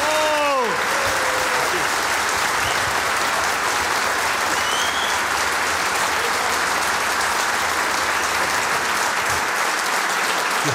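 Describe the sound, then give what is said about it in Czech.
Sustained applause from a sizable audience at a football show held as part of a music festival in Ostrava fills the whole stretch, a dense, steady wash of clapping with a few brief voices and whoops rising near the start. “Já teda děkuju za krásný aplaus, ale já vám ještě řeknu, mám na vás otázku.”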